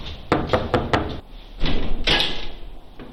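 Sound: knocking on a door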